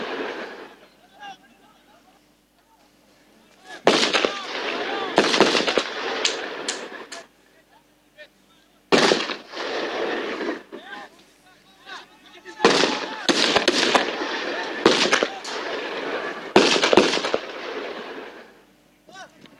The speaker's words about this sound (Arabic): وأطلق مستوطنون النار على الفلسطينيين أثناء اقتحامهم بلدة سعير شمال رام الله في الضفة الغربية.